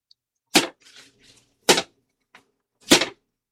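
A bundle of arrows from a quiver is beaten against the floor three times by the king of Israel: loud, sharp, cracking thwacks spaced about a second apart, with soft rustling and clatter in the pauses between blows.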